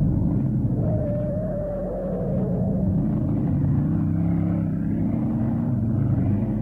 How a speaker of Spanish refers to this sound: oprimió el acelerador hasta el fondo